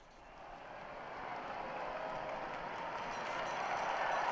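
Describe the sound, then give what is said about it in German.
A large crowd in Rome cheers and applauds the Holy Father before the Sunday prayer, a broad steady roar of clapping and voices that slowly swells louder over a few seconds. “Viele Menschen jubeln dem Heiligen Vater zu, der dieses Gebet mit uns nun beginnen wird.”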